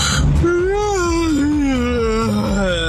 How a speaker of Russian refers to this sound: Ну, спасибо, открыл сейчас хит-парад зевоты просто у всех.